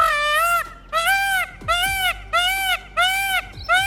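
Birds calling during mating season: loud, harsh calls repeat five times in a steady rhythm, each a drawn-out, nasal squawk that rises and falls slightly in pitch, with short pauses between and no talking.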